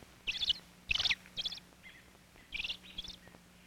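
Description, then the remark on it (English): A male robin calls excitedly in a series of about five quick, high chirping bursts, fairly clear, with short pauses between them and no talking. “Now, Father Robin is excited.”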